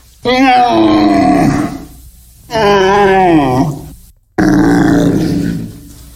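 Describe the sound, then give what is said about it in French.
A human voice imitates a roe deer's call: three loud, drawn-out groaning cries, each lasting a second or more, with short pauses between them. “Oui, un chevreuil qui crie comme ça.”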